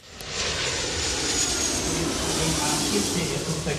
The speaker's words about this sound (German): Während draußen die Verkehrsflieger noch mit Menschen im Cockpit starten und landen